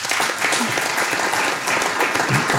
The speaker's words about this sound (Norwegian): Du har en liten applaus for den.